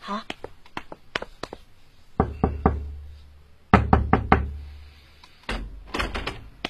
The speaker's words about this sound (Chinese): 好。就是这间屋子。 我想进去看看，你先帮我敲敲门。